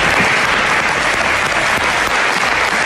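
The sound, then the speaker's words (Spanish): Sustained applause from the opposition in a parliament chamber in Madrid, loud and steady with dense overlapping clapping and no pauses, and no speech on top. “En Madrid, durante el aplauso de la oposición.”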